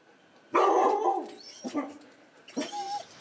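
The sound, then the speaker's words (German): Several dogs bark at a dog daycare in the List district in a busy, overlapping burst, with a long loud bark up front followed by shorter yips and woofs, some high-pitched and whiny. “Weil im Alltag nicht immer genug Zeit für die Vierbeiner bleibt, gibt es die Hundetagesstätte im Stadtteil List.”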